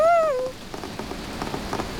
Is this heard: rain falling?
yes